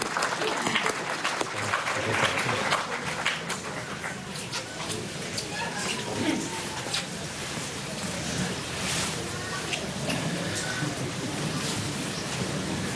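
An audience at a Eucharist applauds the choir from Ferns and Drobor steadily, a dense wash of many hands clapping at a fairly even level for the full stretch, with a faint murmur of voices underneath.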